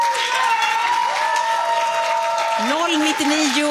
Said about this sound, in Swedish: Ditt sista svar, en stor applåd för det gänget.